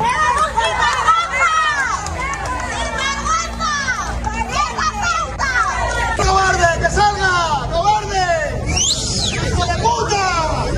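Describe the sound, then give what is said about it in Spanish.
A loud, dense crowd shouting and jeering at the Spanish prime minister as he arrives in Noblejas, Toledo, to visit an industrial complex, many voices overlapping in continuous raised cries for the whole stretch, unbroken with no single voice standing out. “Subjetivos, ¿eh? Sí, son gritos, sí, subjetivos.”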